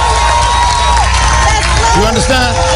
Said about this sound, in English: Somebody scream and clap your hands real loud right there. Just get that right there.